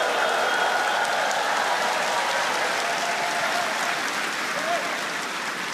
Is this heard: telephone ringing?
no